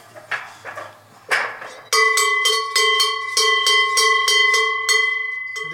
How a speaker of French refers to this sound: Ça, c'est les cloches de Savoie.